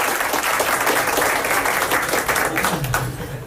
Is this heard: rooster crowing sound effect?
no